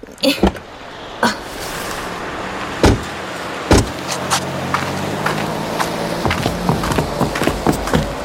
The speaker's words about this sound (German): Na, und geparkt. Na, wenn einer parken kann, dann Yvonnechen, ne? So, lass uns mal aussteigen.